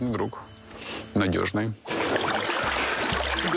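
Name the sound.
hot water being poured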